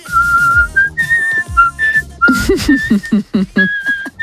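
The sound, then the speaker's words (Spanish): Someone whistles a lively melody, the clear pitched notes gliding and hopping between tones, some held and some short and staccato, with no talking. “Mira, para la banda del patio se puede venir, con lo bien que silba.”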